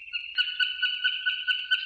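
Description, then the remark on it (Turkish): A swallow's call, recorded by Enser Ertekin in Bursa and shared in the eBird Macaulay Library: a steady, high twittering with quick chirps repeating throughout, fairly clear, with no voices present. “Kırlangıcını Enser Ertekin Bursa'da.”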